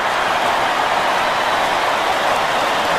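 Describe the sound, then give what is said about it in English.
A stadium crowd stands and applauds at the Paddington end after a player's sixth goal in a Swans versus Melbourne football match, a dense, steady roar of clapping that stays loud and even throughout, with no clear voices standing out. “The crowd stand and applaud at the Paddington end.”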